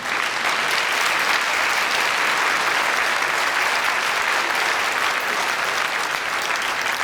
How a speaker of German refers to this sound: Aber jetzt kommt erstmal dein Applaus.